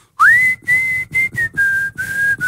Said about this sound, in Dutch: Ja, als ik fluit, mijn broer, die wordt dan helemaal gek. Die gaat dan, au op! Ja, is dat ja een... die vindt dat ik echt heel lelijk fluit.